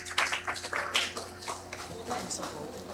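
A crowd applauds with dense, irregular clapping that swells and fades over a steady low hum, moderately loud, with no clear speech on top.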